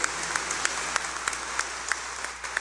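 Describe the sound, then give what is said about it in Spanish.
An audience at a church Mass gives a loud applause of congratulation, a dense wash of clapping with a few sharper individual claps popping out at irregular moments, no voices heard. “y démosle fuerte el aplauso de felicitación.”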